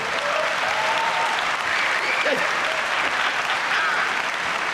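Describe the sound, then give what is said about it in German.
An audience at a live show being recorded for a CD applauds steadily, a dense wash of many hands clapping at an even level throughout, with faint voices calling out beneath the clapping. “Müssen Sie jetzt nicht klatschen, sonst geht das alles auf die CD und dann hören die das in Düsseldorf und dann haben die so einen Hals.”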